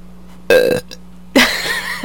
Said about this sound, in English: Am I allowed to burp?